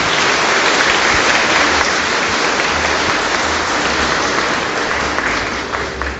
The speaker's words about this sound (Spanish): Démosles un fuerte aplauso a la junta y a los fiesteros.